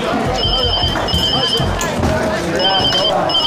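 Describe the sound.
A telephone rings in repeated short electronic bursts over a noisy, bustling card-gambling gathering with muffled voices and clatter in the background.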